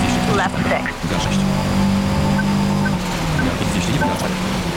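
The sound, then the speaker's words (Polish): A car drives steadily over a wet road in the rain, its tyres throwing a continuous loud hiss of spray over a humming engine drone, with a voice talking now and then on top. “Słychać, że pada. Słychać, że jedziemy po deszczu.”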